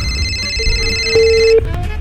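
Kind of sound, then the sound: signal or alarm, phone call ringing tone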